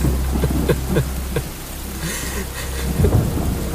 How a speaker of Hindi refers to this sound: काफी अरसे बाद बारिश हुई है, सोचा थोड़ा मजा ही ले लूं।